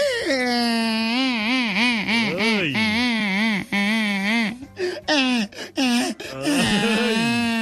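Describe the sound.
A person imitates a stork crying with loud, wavering wails that rise and fall in pitch, then break into a few short choppy cries before a final drawn-out moan.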